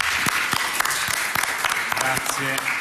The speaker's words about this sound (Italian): Quindi lo ringrazio veramente per quello che ha fatto e per la sua presenza. Grazie, lo accogliamo con un applauso.